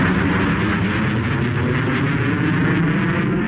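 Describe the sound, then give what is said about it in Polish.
An F-35 fifth-generation fighter jet engine roars loudly and steadily, a thick, rumbling wall of noise with a hissing upper edge that holds constant throughout, with no voices. “Nie ma myśliwca piątej generacji na świecie, który by równał się z F-35.”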